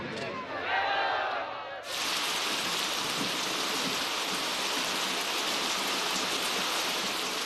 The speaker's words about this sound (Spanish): Hoy llueve, después de meses.